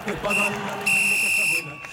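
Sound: whistle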